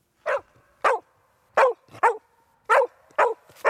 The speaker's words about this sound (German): Lilly ist ein typischer Hütehund und beim Losgehen bellt sie aufgeregt, um die Herde anzutreiben.